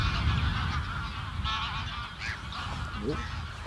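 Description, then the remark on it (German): A large flock of greylag geese, estimated at around 500 birds during a bird count, calls continuously, many overlapping honking cries blending into a dense, steady chorus with a low rumbling undertone and no clear pauses. “Man sieht auch bei jeder Vogelzählung mal was Besonderes”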